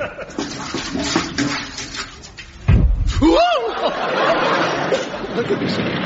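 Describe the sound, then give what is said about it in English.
Paraffin pours and glugs out of a can into a stove in a steady gush, with a dull thump partway through and murmuring voices in the background. “I said a drop, son, not the whole can.”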